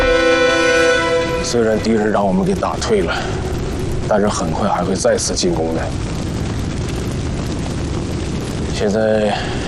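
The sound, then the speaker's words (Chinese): A dense, continuous roar of battle on a hilltop position during an enemy surprise attack, with heavy booming explosions and intense gunfire rumbling throughout, while several voices shout and talk over the din. “报告，三色六点六高地激烈的枪声还在继续。”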